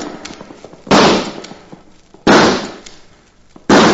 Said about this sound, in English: You'd call that nice shooting, Judge? Shot 4 times and only got 2 birds. Well, that's what a fella gets for spending too much time practicing law and not enough time practicing with a Winchester.